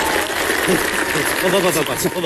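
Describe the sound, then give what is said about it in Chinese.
A steady wash of audience clapping, dense and continuous throughout, with voices calling out faintly over it, as the audience at a xiangsheng (crosstalk) comedy show welcomes crosstalk performers Lu Xin and Yu Hao on stage. “说相声不能只是我一个人，接下来有请我的搭档相声新势力卢鑫、玉浩，掌声有请。”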